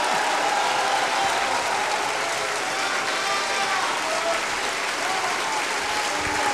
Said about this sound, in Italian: il pubblico più appassionato è qui, e quindi questo era Piero Pretti, a lui era rivolto questo applauso